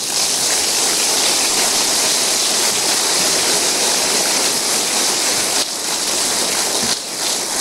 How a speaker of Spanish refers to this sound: Dale un aplauso.